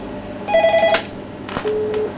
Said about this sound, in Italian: Non credo subito che c'è una telefonata che arriva.